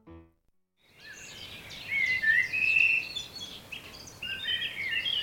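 Birds sing steadily after a brief silence: a dense chorus of high chirps, trills and whistles overlapping continuously, fairly close and moderately loud, with no talking.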